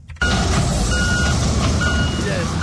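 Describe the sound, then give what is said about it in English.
Heavy machinery rumbles steadily: excavators and earth-moving equipment churn with a deep engine drone at a collapsed building site in Aveno, Accra, as emergency responders comb through piles of concrete and twisted metal. Faint high mechanical whines and beeps thread over the top, with indistinct voices underneath. “The sound of excavators and other earth-moving equipment pierced the silence as emergency responders combed through piles of concrete and twisted metals at the collapsed building site in Aveno.”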